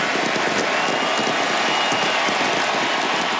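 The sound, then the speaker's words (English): A huge football stadium crowd in Buenos Aires roars continuously for Lionel Messi in his final international game for Argentina, a dense, steady wall of cheering and clapping that stays loud and unbroken throughout, with no single voice standing out. “The roar of the Buenos Aires crowd”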